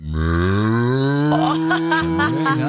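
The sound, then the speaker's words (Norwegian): A person imitates a cool cow with one long, low, sustained moo that stays steady and drawn out, ending in a slightly rough, relaxed trail-off. “Det finnes forskjellige kuer også. Nå hadde du den kuen, så har du mer sånn desperat ku, ikke sant? Og så har du kul ku.”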